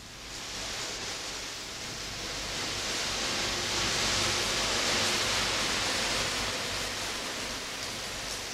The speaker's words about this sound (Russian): Какой дождь!